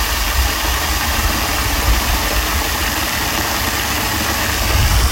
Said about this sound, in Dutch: De waterval in Park Berg en Bos.